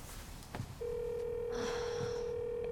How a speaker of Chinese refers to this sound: 哎呀，我给他打个电话。 行，你打吧，我就当听听响铃儿了。